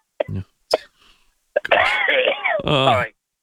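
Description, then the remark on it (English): Several sharp coughs from a caller over a phone line, then a long, strained groaning vocal sound that swells and trails off, loud and distorted as if right against the mouthpiece. “Could you at least take the phone away from your mouth when you cough?”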